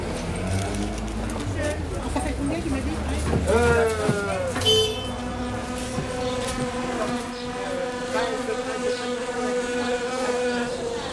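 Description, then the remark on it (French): A steady, droning buzz of wasps hums continuously, rising and wavering slightly in pitch, with people's voices and a bit of outdoor background noise underneath. “Ce bruit qui ronronne, c'est lui. N'importe quoi. C'est des guêpes.”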